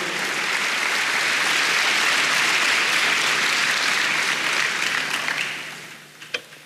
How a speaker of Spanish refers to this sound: ¿Puedes decir amén? Dale un aplauso al Señor, hermanos. No se quede ahí.